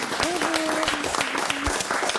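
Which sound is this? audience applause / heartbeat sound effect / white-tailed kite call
audience applause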